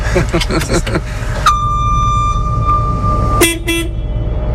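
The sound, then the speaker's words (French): A combine harvester's horn gives a long, steady, high-pitched honk, then a shorter, lower, harsher blast, all over a constant engine rumble, with voices briefly at the start. “Il y a quand même un klaxon au cas où? Ah, il y en a un, ouais, effectivement.”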